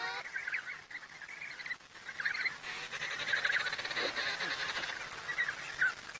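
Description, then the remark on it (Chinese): A dense, continuous chorus of thousands of penguin chicks calling loudly to their mothers to be fed, shrill overlapping peeps and whistles from many birds at once, fairly loud, with no voices. “母亲们弯下头，仔细听小企鹅的叫声。”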